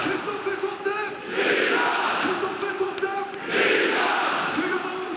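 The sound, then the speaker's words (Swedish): A large football stadium crowd at Norrköping's Superettan match against GIF Sundsvall cheers and roars after Kristoffer Nyman scores in the 88th minute to make it 4-0, in loud, broad swells, with overlapping shouts and chants rising and falling over about five seconds. “Det är rutinerade Kristoffer Totte Nyman som gör sitt 18:e mål den här säsongen i den 88:e matchminuten, och ni kan väl höra publiken.”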